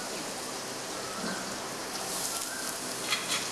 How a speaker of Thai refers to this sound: จากนั้นนะครับเราจะใส่ขิงใส่กระเทียมลงไปผัดนะครับนะแล้วก็เห็ดหอม